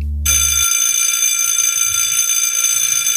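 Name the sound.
school bell ringing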